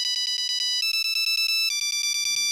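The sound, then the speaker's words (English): A tinny Nokia polyphonic phone ringtone plays a fast 2000s dance tune of rapid, evenly pulsed synth notes that step up in pitch every bar, loud with no one talking. “What is this on the ancient technology of a Nokia polyphonic ringtone?”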